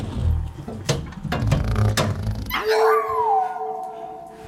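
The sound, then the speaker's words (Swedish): A dog named Tofu, thrown down a garbage chute and heard through a pipe, lets out a few sharp yelps and bursts of noise, then breaks into a long, sustained howl that glides downward, loud. “Den hunden kan inte bete sig för 5 öre, det vet du ju.”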